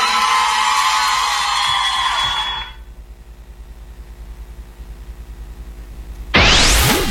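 A loud burst of crowd cheering and applause with whoops fills the first couple of seconds, then cuts to a low rumble before a rising whoosh sweeps in at the end.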